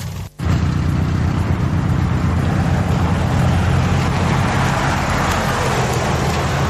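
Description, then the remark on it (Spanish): Steady, loud road noise of vehicles rolling past a signposted hole in the road, a broad continuous rumble and hiss with no speech, holding level for several seconds after a brief dropout at the start. “Si ustedes, este pozo está señalizado, pero pasan los vehículos.”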